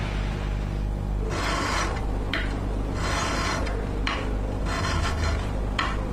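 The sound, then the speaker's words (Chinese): A metal file held by fitter Fang Wenmo rasps against a part for a domestic military aircraft in steady back-and-forth strokes, each gritty scrape clear, repeating about half a dozen times with brief pauses between. “这声音来自钳工方文墨手中的锉刀，他打磨的每一个零件都是国产战机搏击长空的硬核底气，方寸毫厘皆是匠心。”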